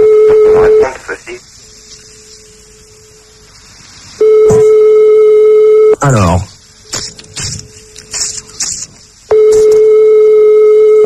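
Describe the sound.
An unanswered telephone call: the ringing tone repeats three times as a steady, buzzy mid-pitched drone, each ring lasting a couple of seconds, with a man speaking briefly in the pause between rings.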